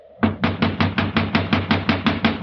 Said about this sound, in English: See if it's open. No, no, it's locked. You'll just have to keep knocking till he wakes up.